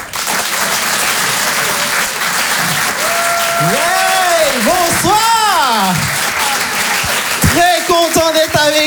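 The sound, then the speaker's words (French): A crowd applauds and cheers to encourage a performer, steadily and loudly throughout, with scattered high-pitched cheers and whoops rising and falling over the dense clapping. “Je vous demande de l'encourager, faites un maximum de bruit, s'il vous plaît”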